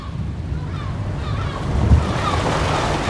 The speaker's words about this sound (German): Wir haben es geschafft, das Boot bewegt sich, die Insel liegt hinter uns.